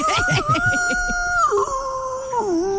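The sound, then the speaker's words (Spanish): A person imitates a rooster's crow in one long, loud, drawn-out call. The pitch holds steady, then dips twice, so it comes out sounding more like a howl. “El gallo de la mañana.”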